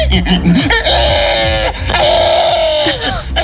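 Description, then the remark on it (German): A person imitates a pig squealing, the winning entry of the first Estonian pig-squealing festival, in two long, loud, strained shrieks with a harsh, nasal rasp, separated by short grunting breaths and snorts. “Es ist der Gewinner des ersten Estländer Schweinequieken-Festivals.”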